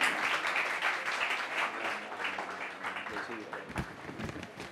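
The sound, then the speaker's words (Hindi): A crowd applauds steadily for the team participants of a quiz as the first round begins, a dense wash of many hands clapping that holds fairly loud throughout before easing slightly near the end, with some voices mixed in. “अब मैं चाहता हूं कि जितने भी टीम के जो पार्टिसिपेंट्स हैं आ जाएं और हम अपना पहला राउंड बाकायदा शुरू करने वाले हैं जी, लिहाजा आप लोग तशरीफ ले आएं, जोरदार तालियां होनी चाहिए आप सभी के लिए।”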